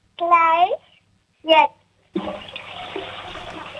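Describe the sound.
A child's voice calls out twice, then the child's toilet at home flushes for a radio station's sound game, a sudden loud rush of water that settles into a steady, hissing gurgle until the end.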